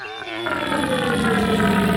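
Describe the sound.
A man, the reigning North German deer-calling champion, imitates a red deer stag's roar: a loud, deep, drawn-out bellow that swells after a brief harmonic lead-in and holds strong for nearly two seconds, alone.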